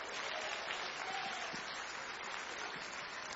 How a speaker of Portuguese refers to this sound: Vão receber o servo do Senhor com as palmas, bem alegre para Jesus.